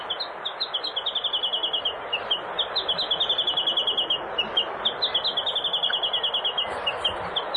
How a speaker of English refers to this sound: The Chatham Island Warbler.